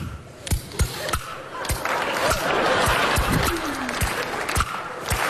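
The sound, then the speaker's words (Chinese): An audience claps and laughs in a steady wash of applause, punctuated by loud, sharp wooden clacks of kuaiban clapper boards played by a performer on stage, struck in an irregular rhythm over about five seconds. “看我的，哎，我一打板，观众报以热烈的掌声。”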